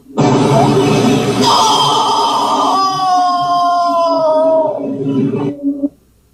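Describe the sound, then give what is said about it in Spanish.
A corpse emits a loud, high-pitched, scream-like wail with a strained, sucking quality as a suctioning rod's tip reaches the vocal cord area under pressure. It is held for about six seconds as its pitch slowly sinks, then cuts off abruptly. No talking. “La punta de esta varilla suele llegar a la zona de aquí, de las cuerdas vocales, y como está succionando a presión, hace que el cuerpo, en algunas ocasiones, bote el siguiente sonido.”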